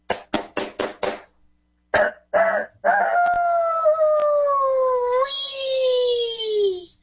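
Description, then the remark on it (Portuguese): A rooster gives a few quick clucks and short calls, then lets out one long, loud crow that stretches for several seconds and sinks slowly in pitch toward the end. “Eu vendo, galo ajeitado. Eu acho que ele vai até, quer ver?”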